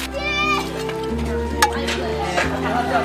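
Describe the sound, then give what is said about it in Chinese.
Food sizzles steadily in a wok as a chef finishes stir-frying and dishes it out of the wok, with a couple of sharp metal scrapes and clanks from the spatula, under a low hum and background voices. “差不多了，我出锅了。”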